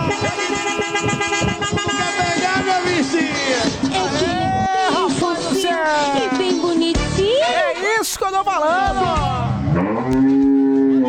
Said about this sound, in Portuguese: Aí, esse aqui é diferenciado, essa buzina aí, bom vai.